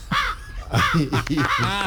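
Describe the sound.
A person imitates a crow, giving three or four harsh, nasal caws in quick succession, fairly loud, with a low background hum.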